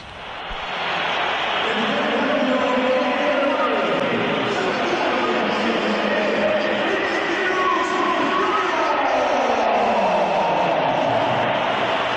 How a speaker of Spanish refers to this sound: Vamos, vamos a oír los pitos también a Vinicius cuando se iba del partido.